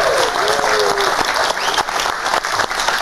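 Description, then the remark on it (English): A TV show audience applauds steadily for guest Piers Morgan, dense clapping filling the whole stretch at a loud, even level, with faint voices and a brief whoop mixed into the noise. “You better clap.”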